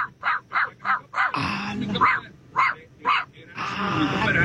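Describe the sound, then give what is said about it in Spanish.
A dog barks in a quick, steady series of about nine sharp yaps, with stretches of rough background noise in between. “También ladran.”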